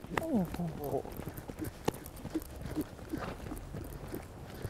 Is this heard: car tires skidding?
no